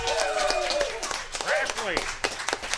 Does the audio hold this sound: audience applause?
yes